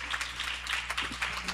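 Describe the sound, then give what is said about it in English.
An audience applauds a senator, a dense, steady patter of many hands clapping that holds at an even, moderate level throughout, over a low background hum. “Give the senator a round of applause once more again.”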